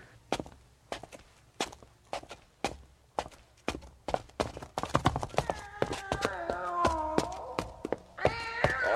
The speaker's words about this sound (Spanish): El gato me siguió mientras bajaba la escalera.